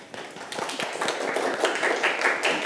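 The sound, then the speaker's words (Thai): A group of students claps for their classmates after a group presentation, a dense, steady patter of many overlapping hand claps that holds at an even loudness for a few seconds. “ปรบมือกับเพื่อนค่ะ”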